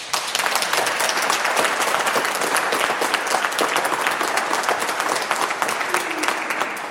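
An audience at the Seniorenzentrum am Rüschebach in Unna applauds steadily, dense overlapping claps at an even loudness throughout, lively, with no pause or fade.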